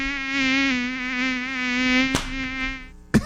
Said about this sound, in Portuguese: Sai mosquito da dengue. Sai daqui, bobo. Sai daqui, seu bobão. Como tem mosquito chato, né?